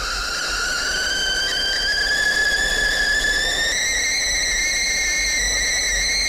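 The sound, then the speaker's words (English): A kettle, put on to make a cup of tea, whistles loudly and continuously, its shrill tone creeping slowly upward in pitch over a steady rushing hiss of boiling water, with no one speaking. “I better get that kettle going.”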